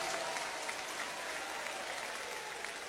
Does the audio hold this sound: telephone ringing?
no